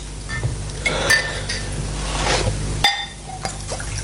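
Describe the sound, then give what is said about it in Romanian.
Glasses clink together a few times, bright, with sharp ringing taps spaced irregularly and a soft rushing, clattering background between them, as glasses of whisky are served neat, without soda or ice; no one speaks. “Eu zic atunci să bem un pahar de whisky. Simplu, fără sifon.”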